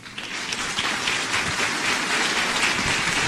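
Steady, dense applause from a crowd, given for Ecuadorians, a continuous crackle of many hands clapping at once that holds at an even, fairly loud level for a few seconds with no voices.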